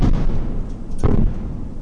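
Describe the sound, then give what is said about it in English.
Explosions from a Russian drone attack on Kyiv, Ukraine, rumble in a continuous low boom, with one sharper blast standing out midway through. No voices, just heavy, echoing thuds rolling across open air. “We heard these explosions for hours near NPR's bureau in Kyiv.”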